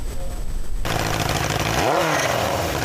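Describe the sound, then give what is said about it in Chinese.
A loud, rough motorcycle engine with an illegally modified exhaust roars, then revs hard in a rising and falling surge, its harsh rasp filling the street, on Shunjiang Road in Chengdu at 9 p.m. as traffic police penalise illegal modifications. “晚上9点，在成都顺江路，成都交警现场处罚摩托车非法改装排气管、未安装后视镜等违法现象。”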